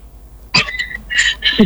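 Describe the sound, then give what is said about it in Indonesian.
A caller on a WhatsApp call gives a few short, raspy coughs in quick succession while waiting, moderately loud, with brief pauses between bursts and no talking. “Sampai batuk-batuk mi menunggu nih”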